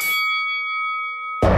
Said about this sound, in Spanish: ¡Que suene la campana! ¡Comenzamos!